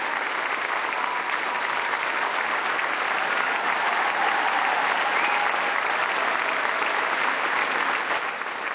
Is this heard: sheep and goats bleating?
no